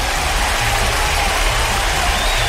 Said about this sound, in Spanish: Recuerden que hoy día saludamos a Orlando y a Rolando, hoy día 11 del mes de septiembre. Un aplauso para ellos.